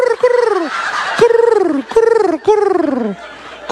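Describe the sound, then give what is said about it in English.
A loud bird call played as a ringtone repeats four times in quick succession, each burst a rattling, gobble-like cry that slides downward in pitch, with no talking. “Walking around the halls of her high school, like, check it out. I got a new ringtone for my eye pigeon.”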